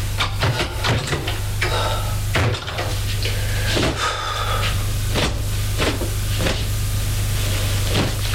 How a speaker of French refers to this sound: Il ouvrait les portes de son placard.